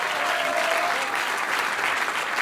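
Steady applause from a sizable audience fills the space, a dense wash of clapping hands at a constant, fairly loud level with no voices standing out.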